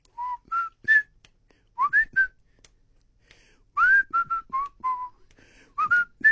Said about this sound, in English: I whistle my way through the world. Not necessarily because I'm a happy fellow. In fact, yesterday was a particular cloudy and moody day, you know, psychologically for me. And my shadow self tries to overcompensate. And then I whistle.